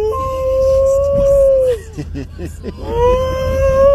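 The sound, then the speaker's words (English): A person imitates a wolf howl: a long, steady howling note, a brief burst of choppy vocal sounds, then a second drawn-out howl rising slightly in pitch. “Sounds like a wolf.”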